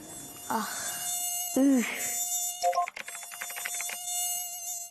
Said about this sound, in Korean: 나 모기 이런 게 여름철에는 제일 짜증이 나.